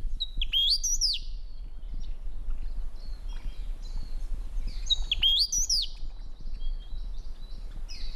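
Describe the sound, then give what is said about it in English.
An eastern bristlebird calls twice, each a bright, rising and falling whistled phrase with trailing chips, about four seconds apart, over a steady low rumble of outdoor background noise. “Oh, and there's a nice little piece of audio of what the eastern bristlebird sounds like.”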